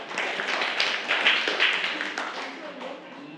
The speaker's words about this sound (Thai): เก่งมากค่ะปรบมือให้กลุ่ม3อีกค่ะ